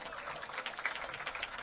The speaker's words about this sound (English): And lots of applause here for Sebastian Burke.